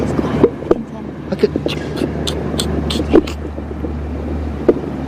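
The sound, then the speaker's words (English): Tiny creatures, likely insects, moving about in soil, picked up by a probe pushed into the ground, heard as faint, irregular crackles and soft rustling clicks scattered over a steady low rumbling hum, with no voices. “Yes, most likely things moving about in the soil.”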